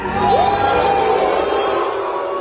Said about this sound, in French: puisqu'on parlait de tension, il faut préciser à nos auditeurs que depuis le début du festival, à chaque projection officielle ou presque, le logo Canal, qui apparaît avant les films à l'écran, est sifflé et hué par une bonne partie des spectateurs.